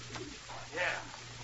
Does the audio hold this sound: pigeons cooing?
yes